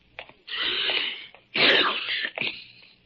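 A man sneezes loudly: a drawn-out breathy wind-up followed by a sharp, explosive burst that trails off, with no talking.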